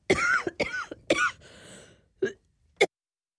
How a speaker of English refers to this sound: Excuse me a second, I've just got a cough.